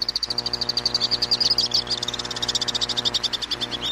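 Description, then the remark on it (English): Swifts calling in a continuous stream of rapid, shrill, high-pitched chittering screams, pulsing fast and steady over a constant low hum, with no voices. “As for why they stay aloft so long, while they're supreme flyers, swifts find landing complicated.”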